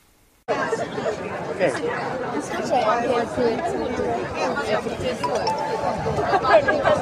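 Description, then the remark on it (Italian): Steady babble of many overlapping voices from a crowd at a demonstration in Piazza Bambini di Beslan, a square full of Palestine flags, school students and people from elsewhere; a continuous murmur of chatter with occasional louder exclamations rising above it. “Siamo in piazza Bambini di Beslan, piena di bandiere per la Palestina e di ragazzi delle scuole, ma anche di persone venute da fuori.”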